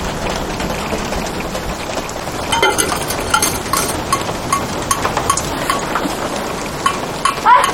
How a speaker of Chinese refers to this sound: 房子一下雨就漏水，这也不是个事儿啊。